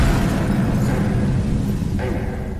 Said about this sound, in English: William Jarvis waited around in the neighborhood till he heard the explosion